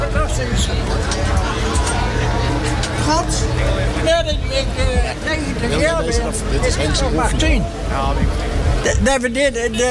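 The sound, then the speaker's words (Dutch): A heavy truck engine idles with a steady low rumble beneath a dense crowd hubbub, with many voices chattering and someone shouting, the whole scene loud and continuous. “de motor ronkt ook”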